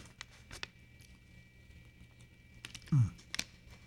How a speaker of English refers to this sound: All right. Let me get a swig of water here. I tell you.